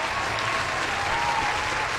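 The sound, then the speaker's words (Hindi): Loud, steady applause from a crowd fills the whole moment, a dense wash of many hands clapping at once without pause, full. “तो सबसे पहले आप सबके लिए जोरदार तालियां हो जाए.”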